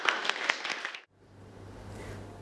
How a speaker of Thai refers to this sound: อ่ะปรบมือ